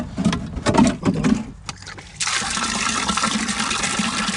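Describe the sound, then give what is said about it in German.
Water sloshes and splashes in a few uneven bursts, then settles into a steady pouring rush as a watering can is filled with rainwater from a barrel in a garden, with no one speaking. “Und dann bringen wir es aus dem Garten hier in ein Fass und dann nehmen wir es raus nachher.”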